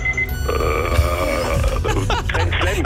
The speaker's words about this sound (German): Da klingelt der Wecker. Du hast dir selber einen Timer gestellt, kann das sein? Ja, natürlich.